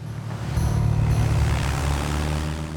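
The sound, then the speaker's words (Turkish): A steady propeller aircraft engine, call sign 66 Tango Sierra, ready for takeoff, drones loudly with a low humming rumble and harmonic buzz, holding constant throughout, with no voices. “Kule, 66 Tango Sierra uçak kalkış için hazır.”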